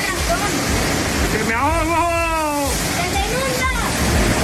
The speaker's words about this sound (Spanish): cuando cae, cuando llueve, ¿y de qué manera?